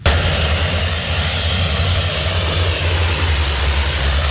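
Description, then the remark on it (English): A loud, steady roar of a Canadian-built propeller-driven water-bomber plane's engine, continuous throughout, with a deep droning hum beneath broad rushing noise and no voices, as it fights a wildfire near Paris, France, scooping water from the River Seine. “Canadian firefighting planes have been deployed to help tackle a raging wildfire near Paris.”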